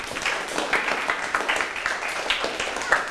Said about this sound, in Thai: ปรบมือให้เพื่อนครับ